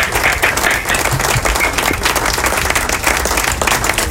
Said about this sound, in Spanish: Bravo, aplausos de pie para ti.